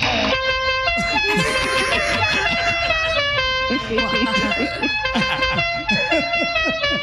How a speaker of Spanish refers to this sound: No, señora, mire, le vamos a poner también claxon a la silla de ruedas, señora. ¿Qué le parece este claxon?